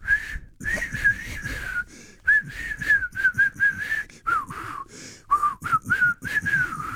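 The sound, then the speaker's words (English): A person attempts to whistle a wobbly, breathy tune, the pitch wavering and breaking into airy hiss between short phrases, with brief pauses for breath. “I think they've been extended because I can't whistle anymore.”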